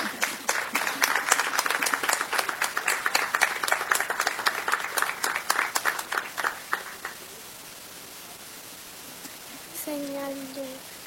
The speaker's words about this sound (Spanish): Un aplauso para ella también.